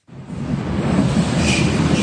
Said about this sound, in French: 1h du matin, le dernier métro vient de quitter la station de Jungfernheide à l'ouest de Berlin.